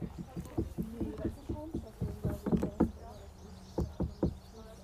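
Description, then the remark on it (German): People knock repeatedly on a stone lion, a dozen or so sharp taps in uneven clusters, with people's voices murmuring in the background. “Die Leute haben an den Löwenstein geklopft.”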